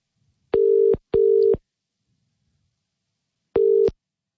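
A telephone ringing tone heard down the line as a radio show calls a listener in Dianella: a steady mid-pitched double burst, a two-second pause, then another burst beginning. It is clear and fairly loud, with no talking.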